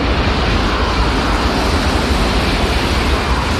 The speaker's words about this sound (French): C'est donc assez bruyant, surtout quand le TGV passe.